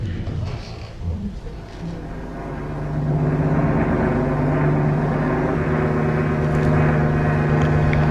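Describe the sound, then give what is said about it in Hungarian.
A propeller airplane heading toward Miami drones overhead, its engine hum swelling after a few seconds into a loud, steady roar that holds to the end, with no talking. “Repülőgép.”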